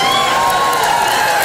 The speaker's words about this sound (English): Yeah, you cheer, but I don't think you realize how that makes me feel.